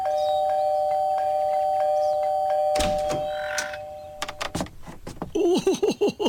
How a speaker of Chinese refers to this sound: 小朋友，你都快把这门铃给按坏了。